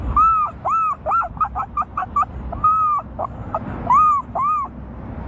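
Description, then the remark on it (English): A 12-year-old boy imitates a herring gull, giving a series of loud, wailing calls: a few long arched cries broken up by quick, choppy yelping notes. “The herring gull.”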